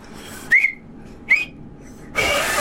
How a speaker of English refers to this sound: That is not a whistle. Come on. That is not a whistle. That is spit coming out of your thumbs.